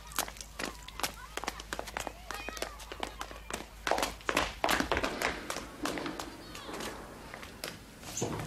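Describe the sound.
Quick, rhythmic footfalls of a plumber running to the 9th floor patter along steadily, with a hint of echo and indistinct voices murmuring in the background.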